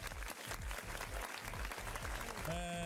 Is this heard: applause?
yes